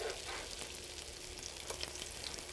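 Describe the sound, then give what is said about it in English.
Food frying in hot oil gives off a steady, hissing sizzle, dotted with quick, sharp crackles and pops throughout. No one speaks. “So the idea is let these kind of cook off.”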